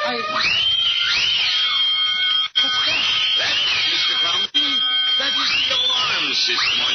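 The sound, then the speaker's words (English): A loud vault burglar alarm blares continuously during a robbery, its wailing tone sweeping up and down in repeated cycles, broken only by two very brief cutouts. “The alarm, my vault?”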